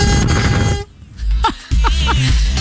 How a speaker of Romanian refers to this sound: Dau eu o goarnă pentru toți.